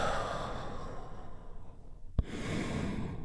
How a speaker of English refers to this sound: And we do that by taking a big, deep, healing breath. Right now, here we go. And release.